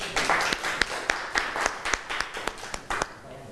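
A short burst of classroom applause for a student's printmaking artwork, many hands clapping in a dense, irregular patter with a few sharper individual claps standing out, holding steady for a few seconds before thinning.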